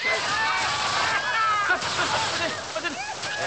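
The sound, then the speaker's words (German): A loud, steady rush of water spraying and splashing from a fire hose during a public ceremony in St. Wolfgang, continuous throughout, with indistinct voices mixed in underneath. “Aus Wassermarsch! Schluss! Aus!”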